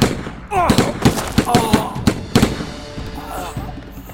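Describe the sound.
A rapid string of sharp gunshots, roughly seven or eight loud cracks in quick, uneven succession, mixed with a shouting voice, then fading to a quieter voice afterward.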